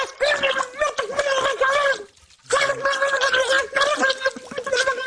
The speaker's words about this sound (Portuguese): mete a cabeça debaixo de água. Pragueja como um estivador a ver a final da taça.